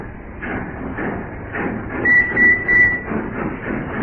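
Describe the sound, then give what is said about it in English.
A dockyard train rumbles with a steady rhythmic clatter of wheels on track, punctuated by a high metallic squeal from the wheels partway through. “That perishing dockyard train's coming back.”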